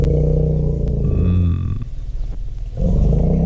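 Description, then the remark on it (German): Deep, continuous elephant rumbling, a loud low-pitched drone with a growling texture that dips slightly in the middle and swells again toward the end, with no talking. “Ich glaube, nur brummende Elefanten.”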